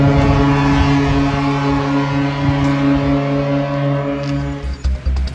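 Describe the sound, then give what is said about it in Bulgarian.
A loud, steady air-raid siren wail holds a sustained, droning tone outdoors, with wind and low rumble underneath. It sounds across Bulgaria on 2 June with a minute of silence marking the day of Hristo Botev and those who died for Bulgaria's freedom. It carries unbroken for several seconds before fading slightly. No one speaks. “Сирени и минута мълчание в цялата страна.”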